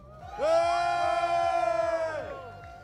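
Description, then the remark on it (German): Spectators at a high-speed curve of a moped race in St. Jakob Oberstraßburg let out a loud, sustained cheer for about two seconds, then it fades, with a low, steady rhythmic thumping continuing underneath. “Wir hören das Publikum.”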